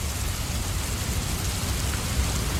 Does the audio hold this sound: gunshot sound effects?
no